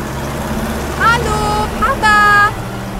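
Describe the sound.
A farmer's vehicle pulling a trailer loaded with two bicycles drives to a farm with a steady, low engine rumble, continuous, while two brief, high, voice-like calls rise over the drone.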